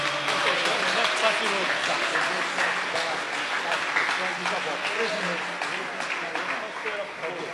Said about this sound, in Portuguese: mas vamos recebê-lo, muito melhor, vamos recebê-lo como? Com aplauso para Jesus.